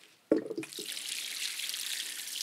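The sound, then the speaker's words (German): Rainwater is poured twice over freshly planted cuttings to water them in so the soil closes around them. There is a brief splash at the start, then a steady, continuous hissing, gurgling flow that stays fairly loud throughout, with no talking. “nehmen dafür das Regenwasser und schlemmen die jetzt so richtig ein”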